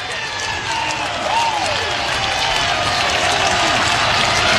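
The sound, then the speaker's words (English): A near-capacity baseball crowd at a Hawkeyes game cheers and applauds with the bases loaded and two outs, a steady, loud roar of clapping and voices, with a few rising whistles cutting through, sustained throughout without a break. “The near capacity crowd getting into it.”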